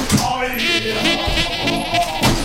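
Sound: goat bleating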